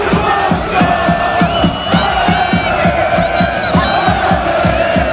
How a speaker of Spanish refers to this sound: Y así gritaba la afición croata.